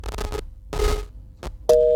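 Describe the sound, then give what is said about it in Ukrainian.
An incoming call signal on the Kyiv number line at the Radio Maria studio: several short noisy bursts of telephone-line sound, then a steady, fairly loud electronic phone tone starts near the end and holds. No one speaks. “Так, я бачу, на київський номер знову є дзвіночок.”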